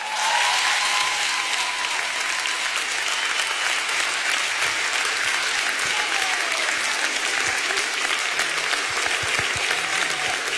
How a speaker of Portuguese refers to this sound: Faz favor de aplaudir este homem, faz favor. Ele bem merece.